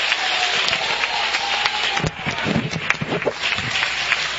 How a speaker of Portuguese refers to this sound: Glória a Deus, glória a Deus, glória a Deus. Aplausos para Jesus. Aplausos para Jesus.